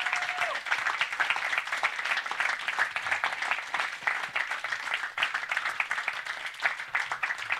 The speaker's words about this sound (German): Und vielleicht habe ich den einen oder anderen Namen vergessen, aber dieser Applaus gilt allen, die hier daran arbeiten, dass das hier stattfindet.